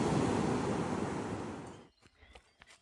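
A loud wash of ocean surf rushes over the beach at Santa Monica for a couple of seconds, then drops away, leaving quieter scattered splashes and trickling water, as a runner cools off in the ocean after a run.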